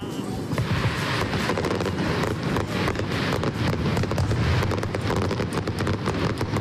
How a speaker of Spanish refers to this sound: Fue la traca final de unos fuegos artificiales que llegaron desde Uruguay por primera vez. Unos fuegos de Uruguay en Bilbao y están con nosotros aquí en nuestros estudios los responsables de esta pirotecnia supernova.